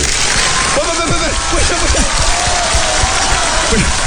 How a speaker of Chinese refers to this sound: 你表演一个铁头撞火车，鼓掌。